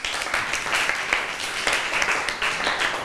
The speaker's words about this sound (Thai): เก่งมากเลยปรบมือให้กลุ่มที่4หน่อย